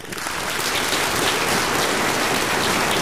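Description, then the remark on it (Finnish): Steady, dense applause from a crowd, many hands clapping at once into a continuous crackling wash that holds at an even, fairly loud level for about three seconds, with no voices, given for a good answer. “Mä annan sulle aplodit.”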